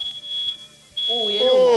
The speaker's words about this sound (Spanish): Alarma de humo.